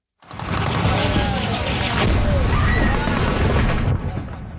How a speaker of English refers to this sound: In a video posted on social media, explosions and gunfire can be heard.